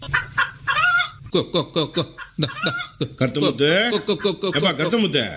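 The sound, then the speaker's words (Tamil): A person imitates a chicken while feeding chickens millet, voicing a run of choppy clucks and squawking warbles that rise and fall, filling the whole stretch without pause. “என்னப்பா கோழியோட கோழி ஆயிட்ட?”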